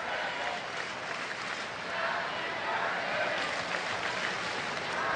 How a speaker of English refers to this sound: Crowd chanting happy birthday for Otani right now.